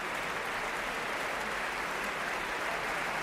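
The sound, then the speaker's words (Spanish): Steady, dense applause from a large concert audience for the Orquesta Nacional and Pablo González in the Sala Sinfónica of the Auditorio Nacional de Música, Madrid. It is a continuous wash of many hands clapping that fills the hall evenly without pause. “Pablo González da la mano a los primeros atriles de las secciones de cuerdas mientras el público aplaude.”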